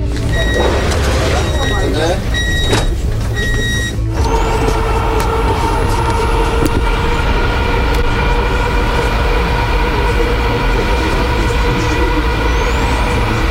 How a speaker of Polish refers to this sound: Przed nami pierwszy przejazd, można powiedzieć, z pasażerami. Państwo będą pierwszymi pasażerami, chociaż pociągi testowe jeżdżą już od około 2 tygodni.